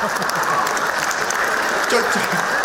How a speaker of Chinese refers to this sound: 就这模样的，你还给鼓掌呢？